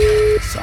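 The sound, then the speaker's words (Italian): A single telephone ring tone as a phone call is placed: one steady, low-pitched beep held for under half a second, then cut off, leaving a faint background murmur. No one speaks. “Entra il quinto squillo.”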